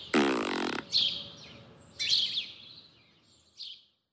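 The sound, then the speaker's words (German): A loud, buzzy fart sound effect bursts out first, then several short squeaky, whistle-like chirps follow at intervals, tapering off. No one speaks. “können Schnecken etwa auch pupsen?”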